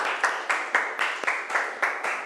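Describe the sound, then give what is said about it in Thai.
A class of students in a science lesson bursts into steady group applause to encourage a classmate about to present, many hands clapping together in a fairly even rhythm for a couple of seconds, full and bright with no voices on top. “ขอเสียงปรบมือเป็นกำลังใจให้เพื่อนของเราหน่อยนะคะ”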